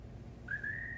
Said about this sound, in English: Remember when I used to say that bird was the lonesomest sound I'd ever heard?